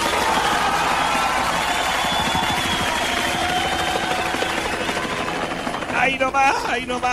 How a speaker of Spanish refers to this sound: tenemos helicóptero en la región de Coquimbo, financiado por el gobierno regional.